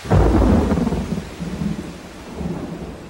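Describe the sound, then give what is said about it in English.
A thunderstorm with a loud rumbling thunder peal that rolls and fades over a few seconds, backed by a steady wash of heavy, driving rain throughout. “The storm unleashed the full force of its power with driving rain and great peals of thunder.”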